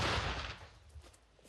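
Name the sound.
artillery gun firing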